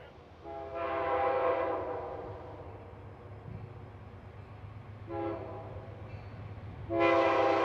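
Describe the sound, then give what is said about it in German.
A train rumbles steadily along the tracks heading north near the town of York, Alabama, its horn sounding in three long blasts, the last one loud, over a constant low engine drone. “Immer weiter fährt unser Zug nach Norden.”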